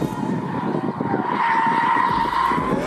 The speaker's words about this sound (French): Mais quand les assistances électroniques sont débranchées, la lourde japonaise devient jolie ballerine, tout en drift. Par-dessus le vrombissement du V6, les pneus chantent de plus en plus fort.